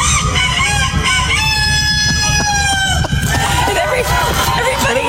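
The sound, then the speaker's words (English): A man, a contestant in a rooster crowing contest, imitates a rooster's crow in one long, loud, strained call with a rising and falling pitch, over a noisy crowd, followed by a shorter second crow-like cry. “this is exactly the type of thing that would go on a rooster crowing contest”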